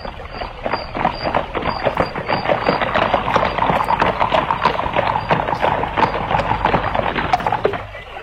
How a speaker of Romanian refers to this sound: Când tocmai da să plece, fata zări gonind năvalnic dintr-un luminiș o caleașcă de poveste.